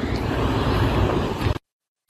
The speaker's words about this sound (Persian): ترددم خدا رو شکر خوبه، ماشین داره میاد، ماشین ها همش در حال حرکت هن. مشکل خاصی هم نیست، از مسیر جایگزین دارن حرکت میکنن.